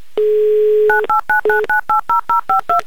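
A phone number being dialed to call a contest participant from Moscow: a steady dial tone breaks into a quick run of about ten short, evenly spaced DTMF beeps, each a crisp two-pitch tone, loud with no voices.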